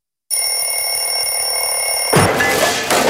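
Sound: alarm clock ringing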